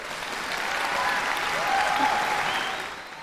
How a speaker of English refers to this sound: I should have waited for the applause.